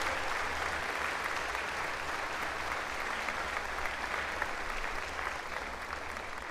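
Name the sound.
audience applause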